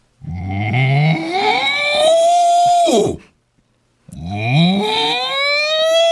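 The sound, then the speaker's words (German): Two long, rising mooing calls made by a human voice imitating a cow, each about three seconds, loud, separated by a brief pause. “Ach so, wie macht denn eine Kuh?”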